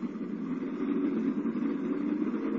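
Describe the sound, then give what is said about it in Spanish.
A car engine runs steadily at a moderate, even level, a continuous low hum and rumble with no voices, as a parked car pulls away on the road back to Tokyo. “Instantes después, guiados por el servidor del doctor Kiro, y cuando este ha cortado la corriente eléctrica de la verja, Calimán y Solín abordan el coche estacionado cerca y emprenden el camino de regreso a la populosa ciudad de Tokio.”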